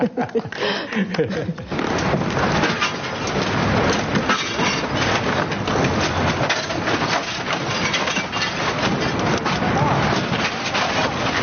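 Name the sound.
audience applause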